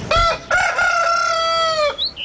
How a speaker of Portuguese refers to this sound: Canta coleirinho, galo cantou também